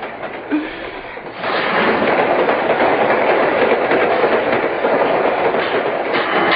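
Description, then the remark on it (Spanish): A very full train rolls along the rails with a steady, loud rumbling roar and a faint rhythmic clickety-clack running through it, swelling up after a quieter first second. No one speaks. “Nunca había visto tan lleno este tren.”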